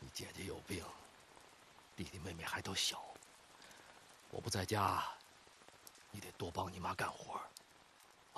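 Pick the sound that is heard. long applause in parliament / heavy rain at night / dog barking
heavy rain at night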